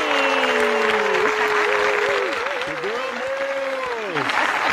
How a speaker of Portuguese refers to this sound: Vamos receber eles então, minha gente, com aquela calorosa salva de palmas